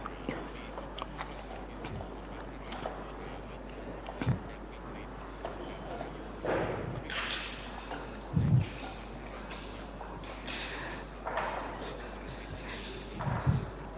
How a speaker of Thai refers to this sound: วงล้อและลูกบอลหมายเลขในชุดที่2จะนำไปตั้งที่หลักแสนขณะนี้เจ้าหน้าที่กำลังติดตั้งวงล้อและลูกบอลหมายเลขเพื่อให้เข้าที่เรียบร้อยนะคะ